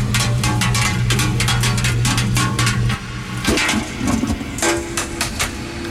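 A die being rolled inside a trash bin on the radio rattles, a loud, rapid run of irregular clattering knocks that continues for several seconds over a steady low hum, with no talking.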